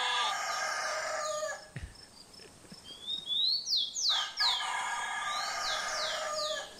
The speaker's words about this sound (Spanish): No, pero ya está el gallo, ya está cantando, bueno.